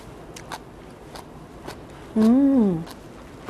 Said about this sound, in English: You can hear the crunchiness, right? So crunchy, so chewy.